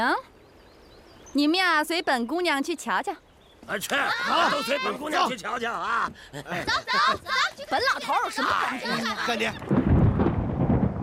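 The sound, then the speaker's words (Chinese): People talk animatedly in Chinese, then a loud, deep rumble of thunder before rain rolls in at the end, a broad low roar that swells and lingers as the voices stop. “你看看， 嗯， 每回说到你娘，这天就要下雨啊。”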